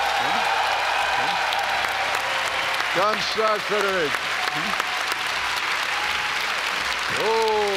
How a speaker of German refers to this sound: Oh, hör dir ruhig den Applaus an. Hörst dir an. Boah.